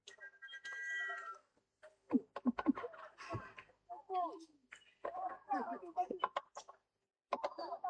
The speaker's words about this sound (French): Il y a les oiseaux là aussi qui commencent à nous montrer qu'il faut rentrer parce que c'est leur tour de pêcher maintenant.